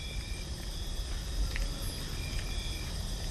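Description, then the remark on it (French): A steady, continuous chorus of crickets trills at a moderate level alongside cane toads calling, over a low, rumbling outdoor background with no voices. “Les grillons et crapauds buffles sont là pour nous le rappeler.”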